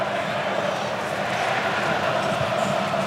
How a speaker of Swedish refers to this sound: De argentinska supportrarna vrålar på VM-finalarenan för att ingjuta mod.